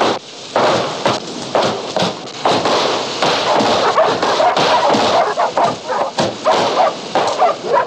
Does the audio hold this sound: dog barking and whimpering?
yes